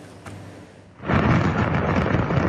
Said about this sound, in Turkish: Havai fişek fabrikasındaki patlama amatör kameraya böyle yansıdı. Çıkan dumanlar yüzlerce metre yükseldi. Görüntüler Çin'in Hunan eyaletinin başkenti Changsha şehrinde kaydedildi.